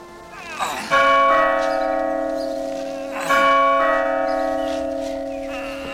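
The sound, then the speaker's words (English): A great bell beside a small lodge by a city gate is struck twice, a few seconds apart, each blow swelling into a loud, resonant ring whose deep hum lingers and slowly fades between strikes. “There was a small lodge by the gate, and beside the lodge, a great bell.”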